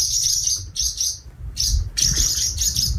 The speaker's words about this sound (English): Hard to get a sound effect of a swallow, but we got that one.